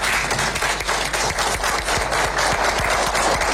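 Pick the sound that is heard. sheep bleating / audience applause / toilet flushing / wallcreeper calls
audience applause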